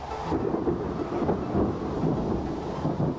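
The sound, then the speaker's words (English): A heavy rainstorm on the slopes of the Bergisches Land, Germany, with clouds from the Atlantic: a deep, continuous rumble of thunder rolling underneath steady rain, fairly loud and sustained throughout, with no voices. “and unload their wet carriage on the slopes of the Bergisches Land. Nowhere else in Germany does it rain as much as here.”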